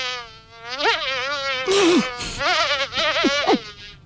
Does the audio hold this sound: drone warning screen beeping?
no